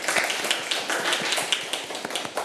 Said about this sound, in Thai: ถ้าตอบได้ขอปรบมือให้กับตัวเองด้วยนะคะถือว่าตัวเองเก่งมากค่ะเอาละค่ะเด็กๆปรบมือให้ตัวเองลูก